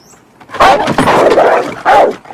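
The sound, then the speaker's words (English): An agitated dog behind a tall wooden gate barks loudly at a man peering over it: a sharp bark, a rapid run of overlapping barks, then one more harsh bark after a brief pause. No one speaks. “He squints, then peers over the top, only to be scared off by the agitated dog.”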